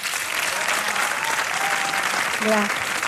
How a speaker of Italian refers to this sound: Grazie. Un applauso.